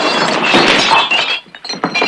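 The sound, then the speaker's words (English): A loud crash of drinking glasses toppling and shattering as a gun is slid into them, a dense burst of bright, jangling breakage in the first second or so, followed by scattered tinkling pieces settling. No one speaks. “Tom slides the gun into some glasses.”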